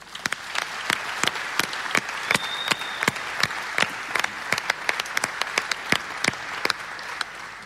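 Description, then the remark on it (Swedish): An audience at a church-arranged election hearing in Vårgårda applauds steadily for all of Vårgårda, many hands clapping in a dense, continuous patter with sharper individual claps popping out, sustained for several seconds without any talking. “Så jag tycker vi ger en applåd för hela Vårgårda.”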